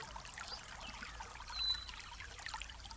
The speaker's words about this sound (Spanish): vamos a escuchar a lo lejos el ruido de una cascada de agua cristalina, pura.